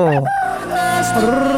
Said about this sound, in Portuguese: galo cantando.